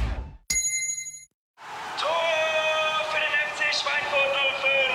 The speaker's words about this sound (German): Und jetzt wieder Trinkpause. Der Gong. Hydration Break. Nimm dir jetzt wieder einen guten Schluck für deine Gesundheit.